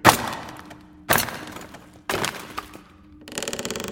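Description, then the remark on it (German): Three hard, ringing strikes of a hammer on a chisel, about a second apart, each with a short metallic decay, then a buzzing, rattling scrape as the heavy crate is forced open. “Mal sehen, ob wir das schwere Ding nicht aufkriegen. Und? Hast du was? Ja, hier ist ein Hammer und ein Meißel.”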